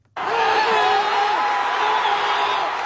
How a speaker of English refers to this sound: Supporters have been chanting, clapping and cheering after the New York Knicks came from behind in the closing minutes to clinch victory after 5 decades.